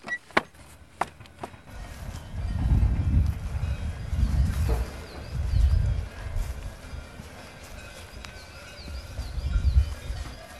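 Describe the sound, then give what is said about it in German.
Cowbells on cows clank in a few sharp, irregular strikes outdoors on the Ritten, on the way to Bad Siers near a farm, mostly early on, over low rumbling movement of cattle, with faint bird chirps in the background. “Die Kühe und die Kuhglocken zeigen es uns schon an.”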